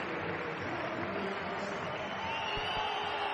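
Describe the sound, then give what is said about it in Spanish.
A steady roar of a football stadium crowd, with thin high whistles threading through the dense noise as the stands react to the player Balduin leaving the pitch. No one speaks over it. “Pitos. Les oigo yo desde aquí.”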